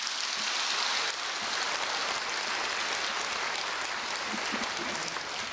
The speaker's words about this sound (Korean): 수고해 주신 우리 모든 분들께 박수 한번 부탁드릴까요?